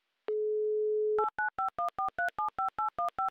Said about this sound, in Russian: Набран номер телефона Ирины, дожидаемся гудков